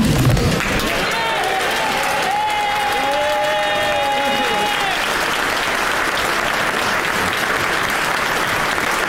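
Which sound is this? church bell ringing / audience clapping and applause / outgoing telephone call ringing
audience clapping and applause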